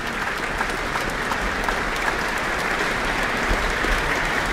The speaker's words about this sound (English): She's back, taking in a bit more of the applause here at the Auckland Town Hall. From the audience as well as her fellow musicians on stage. Clasps her hands in front of her in appreciation. And then heads from the stage.